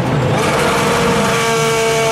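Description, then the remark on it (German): A loud racing car engine roars steadily for about two seconds, a high whining drone with strong tonal harmonics: BB Radio's DTM ticket jingle for the DTM races at the Lausitzring, with no voices. “Achtet im Programm auf den DTM-Ticket-Sound.”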